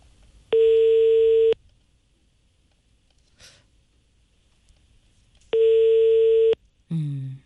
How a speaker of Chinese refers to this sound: 暂时没人接。 你看这个电话应该是在用，但是没人接。